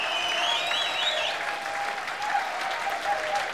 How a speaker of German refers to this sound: Der Meini hat sich jetzt einmal einen Applaus verdient.